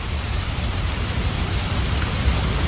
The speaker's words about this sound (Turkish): ne güzel yağıyor. Şu an Almanya'nın batısında, batı bölgelerinde, Bremen'de de yer yer varmış.